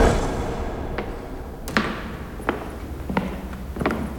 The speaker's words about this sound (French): À l'intérieur du château fort, il fait sombre. Il y a de grandes portes en bois qui grincent avec d'énormes serrures.